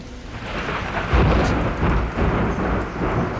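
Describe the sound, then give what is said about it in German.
A steady downpour hisses throughout while deep thunder rumbles and rolls in repeated waves, heavy, with no voices present. “Sie sind nicht auf der Hochhalm bei diesem Unwetter.”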